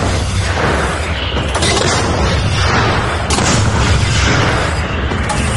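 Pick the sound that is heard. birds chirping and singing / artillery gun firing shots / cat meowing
artillery gun firing shots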